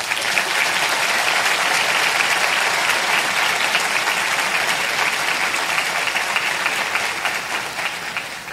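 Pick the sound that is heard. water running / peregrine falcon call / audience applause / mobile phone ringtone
audience applause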